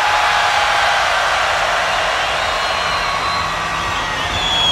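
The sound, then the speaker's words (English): A huge concert crowd at UltraFest 2017 screams on cue in one sustained, roaring wall of noise, loud and steady for several seconds with no single voice standing out. “1, 2, 3, fucking scream!”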